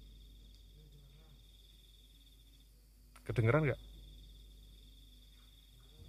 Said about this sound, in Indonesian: Yang ini jangkrik, yang kuk kuk kuk tadi.